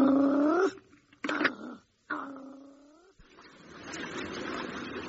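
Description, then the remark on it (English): An animal growls in long, drawn-out, tonal yowls: two sustained calls with a sharp burst between them, then a rough, breathy noise trailing off. No one speaks. “I can hear growling.”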